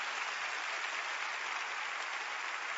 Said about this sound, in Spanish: Dale un fuerte aplauso al Señor y su palabra.